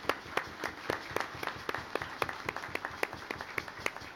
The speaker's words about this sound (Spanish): den un aplauso en este día del diácono, ¿sí?